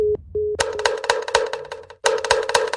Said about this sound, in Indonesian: Waktunya kentongan.